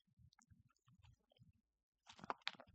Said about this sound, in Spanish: Perdonen que me tomé un sorbito de agua.